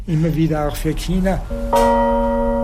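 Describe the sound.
A voice speaks briefly, then a newly cast bell is struck once, close and loud, leaving a single deep tone ringing steadily to the end.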